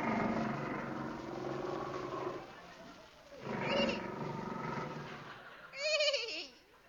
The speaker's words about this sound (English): What was that noise, my captain? A man-eating tiger. Tiger? Yes.